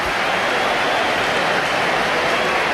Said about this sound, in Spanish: Bueno, ¿hay división de opiniones? O... Hay aplausos para Hugo Duro, yo creo.